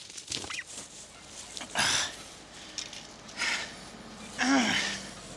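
A turkey in Köhlau, Lower Saxony, gobbles and squawks in short agitated bursts amid rustling and scuffling as it is driven back after trying to get through a fence and is grabbed, with faint background noise throughout.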